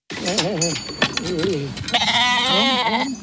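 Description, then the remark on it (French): Several sheep bleat in a pasture at Sonsbeau during a day of work with the flock, overlapping wavering calls one after another, then a longer quavering bleat rising over the flock's background noise. “À l'occasion d'une journée de travail avec des moutons dans un pâturage à Sonsbeau, nous sommes allés à sa rencontre.”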